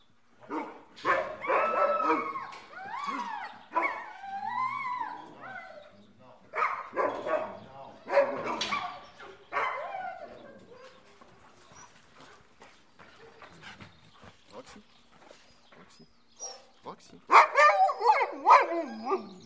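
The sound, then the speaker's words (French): Two dogs, Roxy and Rebelle, bark and yip excitedly in repeated bursts before a morning outing, mixed with high whines, with a quieter stretch before a final loud flurry of barking. “Et donc, moi, je vais aller chercher les deux chiens qu'on va prendre ce matin.”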